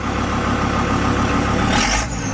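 An old Valtra tractor's diesel engine runs with a loud, steady rumble, then briefly revs as the throttle is given, swelling in pitch and intensity before dropping back toward idle. No voices.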